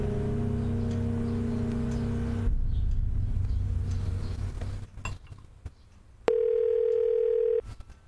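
A single steady telephone ringback tone, just over a second long, sounds clearly near the end, after a stretch of low droning hum and soft rustling handling noise.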